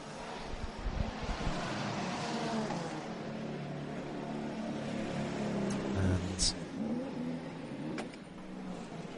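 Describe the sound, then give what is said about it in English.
A race car driven by Ryo Horikawa drones steadily with shifting, rising pitch as it slows into the pit lane at the end of lap 148, wind noise buffeting throughout and a commentator talking over the top. “Ryo Horikawa into the pit lane at the end of lap number 148.”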